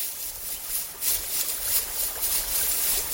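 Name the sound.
babbling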